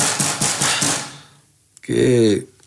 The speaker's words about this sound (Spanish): ¿Qué pasa? Hay alguien golpeando en la puerta.